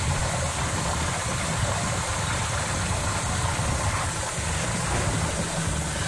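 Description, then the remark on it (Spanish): A continuous rushing spray of water, steady and loud throughout, with a deep rumbling undertone and a broad hiss and no pauses or changes in rhythm. “A ver, bueno, pues una manguera regando el jardín al atardecer.”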